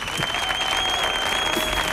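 A crowd applauds steadily, a dense wash of clapping that stays loud and even throughout, with a thin, sustained high-pitched tone running beneath it.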